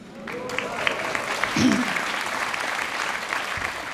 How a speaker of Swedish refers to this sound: Och innan, ja, han kan också få en applåd.